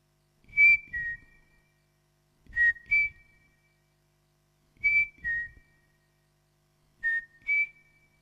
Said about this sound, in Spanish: Nunca había sentido el escalofrío del silbido triste y crepuscular del crespín al cruzar el monte volviendo del colegio.